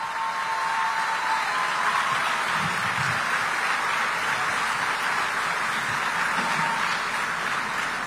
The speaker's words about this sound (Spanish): Felicidades por dar este gran paso, continuar con sus estudios y convertirse en mujeres universitarias. ¡Un aplauso para ellas!